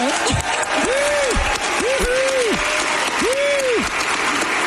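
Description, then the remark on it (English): A large audience at an event hosted by Seattle Mayor Katie Wilson applauds loudly and steadily throughout, a dense wash of clapping, with a few drawn-out whoops and cheers rising and falling above it. “Clapping seals, all of them.”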